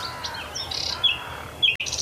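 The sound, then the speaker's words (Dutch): A nightingale sings at dawn beside a marsh forest, one of the first birds to start singing in the silence, with varied whistles, sharp chirps and quick trills over a quiet backdrop, the song rising and pausing in short bursts. “onmiskenbaar nachtgauw. Ja, zeker. In alle stilte is dat een van de eerste vogels die begint met zingen.”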